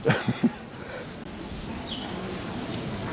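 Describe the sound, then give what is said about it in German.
A high, thin squeaking call of an exotic bird rings out over steady outdoor background noise in Prenzlauer Berg, Berlin, preceded by a few short, sharper chirps at the start. “hört ein lautes Fiepen. Spannend. Ein exotischer Vogel.”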